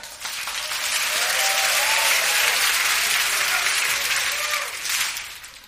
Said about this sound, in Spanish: Aplauso, dale.